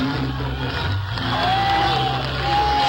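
A live audience cheers and whoops in a steady, loud roar for the full three seconds, with a thin whistle rising out of the crowd noise partway through.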